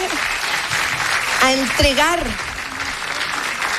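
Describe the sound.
Steady applause from a crowd fills the whole stretch, a dense, even patter of clapping, with a voice briefly speaking over it partway through.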